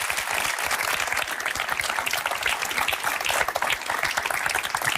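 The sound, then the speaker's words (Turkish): A crowd applauds steadily, many hands clapping in a dense, even wash of sound that stays loud throughout with no talking. “Bir alkış. Bir alkış.”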